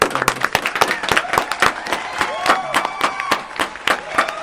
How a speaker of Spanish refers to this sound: Le agradecemos. Se despiden con un aplauso. Gracias.